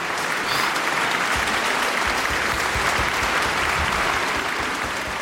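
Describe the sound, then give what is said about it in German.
Sustained audience applause after a performance of Telemann's Völkerouvertüre by Concerto Copenhagen under Lars Ulrik Mortensen, a dense, steady patter of many hands clapping at full strength with no voices on top, holding evenly loud throughout. “Ah, Applaus.”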